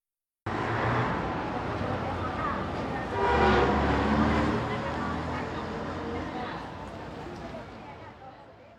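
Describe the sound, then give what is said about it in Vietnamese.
Steady roar of busy traffic with a loud, sustained car horn blast rising out of it midway, set against a dense background of rumbling engines and indistinct voices. “Đây là từ bù bù, là tiếng còi và những âm thanh tương tự.”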